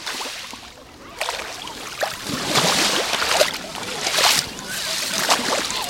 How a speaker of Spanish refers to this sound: El sonido del agua del mar en la playa de Saloreña. Ya he dicho que el mar habla también por este micrófono. Vamos a ver lo que nos dice. Así suena hoy el mar Mediterráneo en la playa de la Charca.